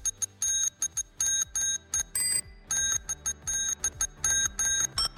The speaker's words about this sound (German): Wir wollten von euch wissen, welcher Sommerhit das wohl ist. Welcher Sommerhit sich da hinter dieser Fahrradklingel versteckt.